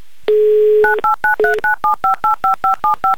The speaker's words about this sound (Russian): Номер телефона мы набрали.